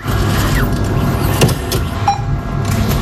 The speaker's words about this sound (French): Ce bruit ne résonnera plus une bonne partie de l'été à Vialas. À cause du bureau de La Poste, le guichet comme le distributeur de billets que vous venez d'entendre et qui permet pourtant de faire vivre la commune